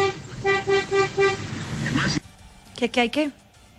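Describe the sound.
A car horn honks in a quick series of about five short, evenly spaced toots over a steady background rumble, then stops abruptly as a person begins speaking.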